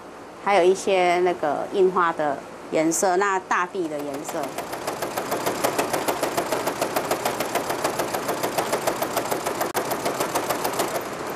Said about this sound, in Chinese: 那固定它之后，再用缝纫机去车它。那车之前，我还要去确定说，哦，我要切割出来的形状，还有那个曲线的方向，哦，我都要去思考这些东西。